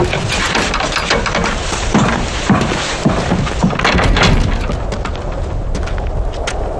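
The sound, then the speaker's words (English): Gunfire and explosions at the front line rumble continuously, with repeated sharp cracks and deep booms overlapping in a dense, loud barrage and no voices over it. “The gunfire keeps him sober.”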